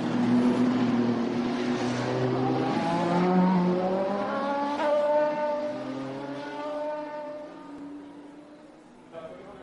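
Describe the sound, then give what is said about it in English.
Racing cars roar by one after another, their loud, buzzing engine notes rising and then sliding down in pitch as each passes, a continuous drone that tapers off toward the end. “Just enjoy the sound of the cars as they are going through.”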